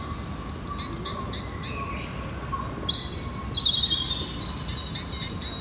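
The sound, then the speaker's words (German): Several birds chirp and trill in high, bright bursts in a forest over a steady rushing wash of running water from a spring and a small brook, with no one talking. “Schön die Vögel zwitschern und da ist auch eine Quelle und hier ein kleiner Bach.”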